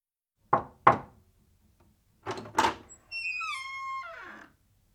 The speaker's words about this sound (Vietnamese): Ví dụ, đây là tiếng gõ cửa khi bạn vào phòng.